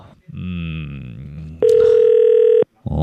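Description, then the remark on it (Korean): A voice speaks briefly, then a loud, steady electronic telephone ring tone from a call placed to the next person sounds once for about a second and cuts off abruptly before the voice returns. “야, 이거 전화 벨소리가 많이 울렸는데.”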